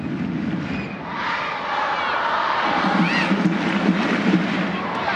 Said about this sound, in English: Crowd in Utah urging on their side as Suarez rolls it back to the center circle for Sams.